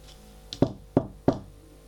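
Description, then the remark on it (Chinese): Three sharp knocks on a door, evenly spaced, with a faint lighter tap just before them and no voices. “敲门，门开了，进来的是小西和小夏”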